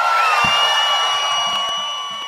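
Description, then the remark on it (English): A crowd cheers loudly and steadily, a dense roar of whoops and shouts with a few high whistles threaded through it, tapering off slightly toward the end. “make some noise, people!”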